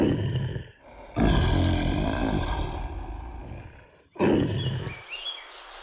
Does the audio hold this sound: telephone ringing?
no